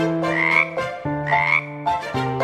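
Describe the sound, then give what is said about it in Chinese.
Frogs croak loudly in a pond, three long buzzy, throaty calls repeating roughly once a second, rich with layered tones and with no voices. “唱得好大声啊，小青蛙在池塘里附和着”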